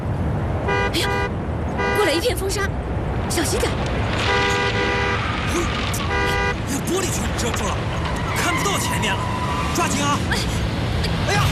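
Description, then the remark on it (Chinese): A car drives along with a steady road rumble while its horn honks in several short harmonic blasts, some doubled, loud, with voices talking faintly underneath. “哎呀，好了好了好了，我不想跟你吵架，开车呢嘛，最忌讳带着情绪，容易出事故。”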